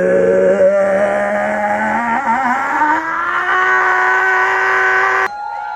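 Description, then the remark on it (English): At an event in New York, a man holds one long, loud, droning vocal call imitating a Sasquatch while people cheer him on, its pitch creeping upward like a revving engine for about five seconds before cutting off abruptly. “he's like so boldly gonna make his Sasquatch sounds in front of everybody”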